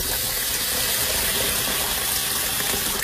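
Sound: tap water running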